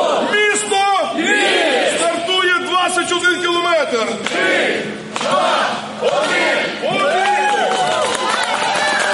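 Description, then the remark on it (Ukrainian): A large crowd at a city running race in Lviv, Ukraine, with about 5,000 runners, professionals and amateurs, adults and children, many voices shouting and cheering at once, loud, in overlapping waves that rise and dip throughout with no clear individual speech. “За мову у Львові біжить близько 5000 людей – професіонали та аматори, дорослі і діти.”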